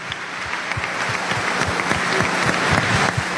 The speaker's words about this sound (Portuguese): Uma forte salva de palmas para os nossos improvisadores.